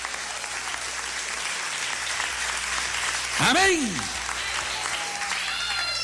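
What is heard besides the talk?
audience applauding loudly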